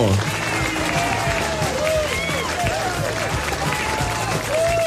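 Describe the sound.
A crowd claps for a birthday, steadily for about five seconds. It is a dense, even wash of applause mixed with overlapping shouts and whoops of cheering voices, holding at a constant loud level throughout.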